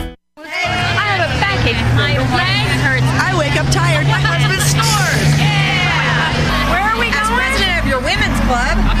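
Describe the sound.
Steady crowd chatter fills a bus interior, many overlapping voices talking at once over a constant low engine rumble that shifts slightly near the end.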